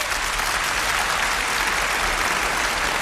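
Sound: stormy audience applause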